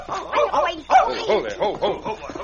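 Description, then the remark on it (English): A dog named Whitey, hiding with a kid behind a tree stump, barks and whimpers in a quick, unbroken run of high-pitched yips and whines, each call rising and falling, steady and fairly loud throughout. “Hey, look, Jake, a kid and a dog.”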